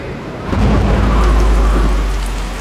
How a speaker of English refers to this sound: Well, looks like we're camping in the rain.